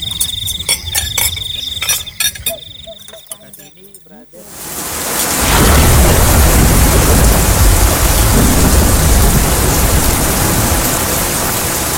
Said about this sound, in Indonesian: Duh guys, hujan lagi gimana dong? Iya hujan ya. Selama kita di sini, perasaan hujan terus deh.